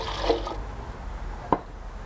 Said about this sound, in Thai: ขั้นที่3น้ำใส1คัพค่ะเราจะเทน้ำใสลงเครื่องปั่นก่อนนะคะ